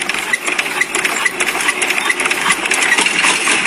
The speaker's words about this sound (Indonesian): Mesin combine harvester tampak terus bergerak memanen padi yang kini telah menguning.